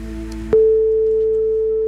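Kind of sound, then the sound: signal or alarm, telephone ringback tone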